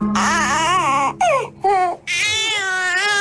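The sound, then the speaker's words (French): A sleepy baby cries in loud, wavering wails, broken by two brief gaps into three drawn-out bursts, the last a long, steady whine with no talking. “Ça c'est bébé qui a sommeil.”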